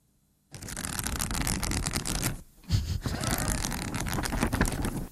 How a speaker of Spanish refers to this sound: Pasar hojas, entonces, ¿qué estás haciendo? Leyendo, leyendo. Muy bien, muy bien.